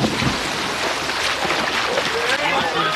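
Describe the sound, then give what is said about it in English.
Two swimmers in a race shoot off the side of the pool into the water after the starting whistle with a quick splash, followed by steady churning and sloshing of water, fairly loud, with a faint murmur of voices underneath. “The two shot off the side of the pool and into the water.”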